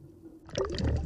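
Ocean seawater pours into a sample bottle as water samples are taken for later laboratory analysis, a splashing, gurgling rush that starts abruptly after a moment of low background rumble and continues steadily to the end.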